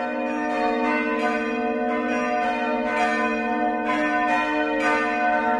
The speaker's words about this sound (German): Das Glockengeläute, das hat einen bestimmten Ton gehabt. Die kleinste, die zweitkleinste, bis zur grossen Glocke. Und je nachdem, was für ein Fest war, hast du das Glockengeläut, das hast du im Ohr. Und für einige ist das viel, bedeutet das viel.